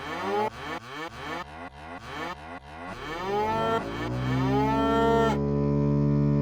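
A cow moos loudly, a series of short choppy grunts building into one long, drawn-out bellowing moo that holds and then cuts off. No one speaks.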